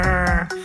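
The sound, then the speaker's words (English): A rockfish makes a low, croaking grunt with a buzzy, harmonic tone, rising into a second short pulse near the end. Loud, with no talking over it. “And eavesdropping on rockfish to tell one type from another. It sounds like this croaking, grunting.”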